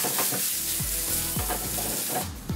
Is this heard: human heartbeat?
no